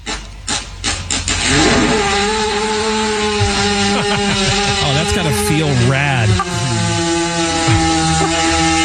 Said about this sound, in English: Right, that was a fart?